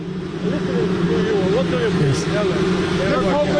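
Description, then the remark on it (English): Drones flying overhead around President Trump, a steady, loud mechanical droning hum with layered low tones that persists for the whole clip, with indistinct voices murmuring beneath it. “It doesn't sound like the helicopter. Maybe it is, but it sounds like drones to me.”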